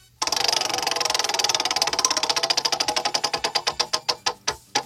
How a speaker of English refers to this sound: Step up, please. Spin the wheel. All right, I'm spinning the wheel.